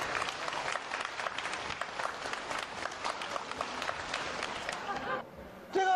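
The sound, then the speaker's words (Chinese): A crowd bursts into sustained applause, dense overlapping clapping filling the space for several seconds before it cuts off and a voice briefly starts up at the end. “不好意思啊，掌声接一下，掌声接一下啊。”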